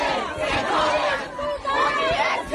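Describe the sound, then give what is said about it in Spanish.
A crowd at a university shouting and jeering at the governor, who came to vote, a dense, loud wall of overlapping angry voices that surges and dips without pause. “Le gritaban de todo.”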